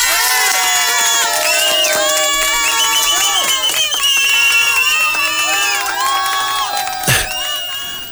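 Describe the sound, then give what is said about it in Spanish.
A large crowd cheers loudly and steadily after Kristi Noem is proposed as a candidate for mayor of Manta, a dense mix of high, overlapping whoops and shouts with some clapping underneath, and a sharp burst of noise near the end. “Esta señora que ya fue condecorada, así que viene con su currículum a cuestas para alcaldesa de Manta, proponemos a la señora Kristi Noem. Un aplauso.”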